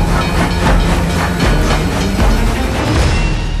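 A steam train on the Kirov Railway chugs steadily along the tracks, its rhythmic chuffing bursts repeating under a constant hiss and rumble, loud, with no voices.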